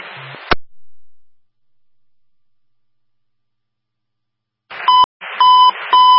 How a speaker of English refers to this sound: Preliminary signal for an activated commercial fire alarm, number 885 Niagara Street. That's between Rhode Island, Massachusetts, Niagara Gateway Apartments.